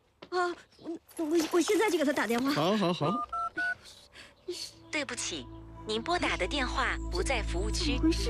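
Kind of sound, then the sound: signal or alarm, telephone keypad dialing tones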